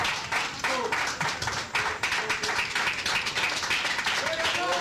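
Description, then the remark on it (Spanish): A church audience applauds Christ, clapping steadily in a dense, sustained burst of applause lasting several seconds, with voices calling out and murmuring underneath the clapping. “Un aplauso a Cristo, hermanos, gloria a Dios, gloria al Señor.”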